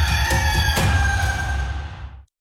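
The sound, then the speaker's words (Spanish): A single loud rooster crow in an LG Smart TV advertisement rings out in one long, strained call, then cuts off abruptly into silence. “La mejor tecnología LG se encuentra en el gallo más gallo.”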